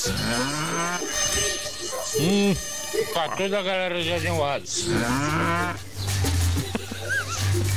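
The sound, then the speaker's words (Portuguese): Loud, drawn-out ox moos, seemingly imitated by a voice, mixed with a person talking over a steady low hum, several long bellowing calls rising and falling. “Amansa o boi.”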